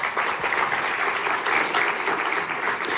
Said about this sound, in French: Et je vous propose qu'on les applaudisse aussi.